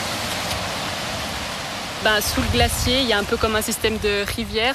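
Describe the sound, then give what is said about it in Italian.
A steady, rushing stream of glacial meltwater flowing from a glacier's outlet roars continuously, a dense wash of water noise; about halfway through, a person starts talking over the constant flow. “in particolare il corso d'acqua che sgorga dall'uscita del ghiacciaio, beh, tutta quest'acqua è esclusivamente il ghiacciaio che si sta sciogliendo.”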